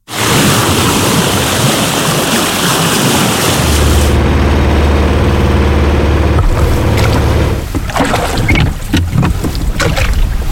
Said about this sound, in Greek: Σκάφος σε θάλασσα.